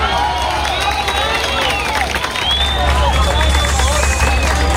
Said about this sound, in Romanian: Echipele de urgență și voluntarii lucrează neîntrerupt pentru a-i salva pe cei prinși sub dărâmături. Fiecare operațiune reușită este întâmpinată de aplauze și urale.